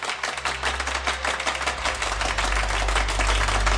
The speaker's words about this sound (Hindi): तालियों के इस गूंज के बीच कोई सुन नहीं पाया वक्त के पहिए की आवाज।